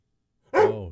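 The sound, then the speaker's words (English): A single loud dog bark breaks the silence about halfway through, a harmonic woof that trails off slightly at the end, with no talking. “do you know how to bark? You going to say goodbye to our listeners?”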